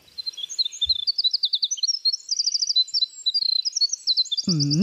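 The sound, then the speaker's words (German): A winter wren's long, complex, bubbling song pours out in rapid high trills and tumbling twitters, continuous, with a voice starting briefly at the very end. “Das ist zum Beispiel der Fall bei Winterzaunkönigen.”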